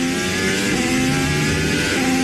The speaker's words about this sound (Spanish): ¿Escuchan eso? Es el sonido de un motor de un coche de Fórmula 1, un monoplaza que puede llegar a alcanzar los 378 kilómetros.